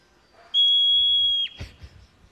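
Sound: hoary marmot whistle call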